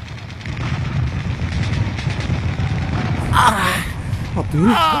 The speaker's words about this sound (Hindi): जांबाज अब्दुल हमीद आठवें टैंक को उड़ाने की सोच ही रहा था कि दुश्मन ने उसको देख लिया और उस पर लगातार गोलीबारी शुरू कर दी।